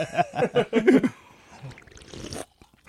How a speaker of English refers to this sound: Dude, I'm getting all the sound effects on the mic. y'all trying to figure out what I'm drinking. Sipping on that syrup.